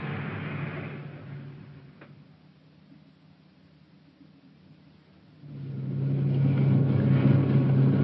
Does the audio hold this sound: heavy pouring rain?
no